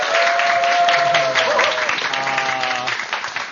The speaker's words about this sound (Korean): 또 멋진 강의 여러분, 큰 박수로 청해주시죠!